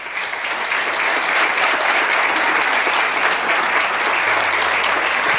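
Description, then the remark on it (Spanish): Sustained audience applause at a morning political gathering, a dense steady wash of many hands clapping at even loudness for the whole stretch, with no voices rising above it. “Por eso, lo mínimo que podemos hacer esta mañana es darles un aplauso emocionado de reconocimiento por su labor.”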